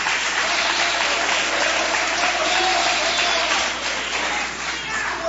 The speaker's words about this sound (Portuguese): Tomai o assento, é a melhor salva de palmas você vai dar para Jesus. Bem forte as tuas palmas e o teu glória a Deus.